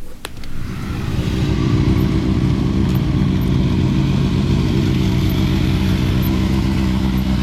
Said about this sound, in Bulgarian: А по улиците на Варна моторният рев е все по-често срещан. Мотообщността откри мотосезон 2026.